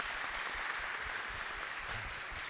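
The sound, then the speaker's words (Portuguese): A crowd at the Santuário da Casa da Mãe da Salete applauds steadily to welcome young people from nine dioceses of Rio Grande do Sul, Brazil, a dense wash of clapping hands that holds at an even loudness throughout, with no voices rising above it. “Uma salva de palmas também acolhendo-os.”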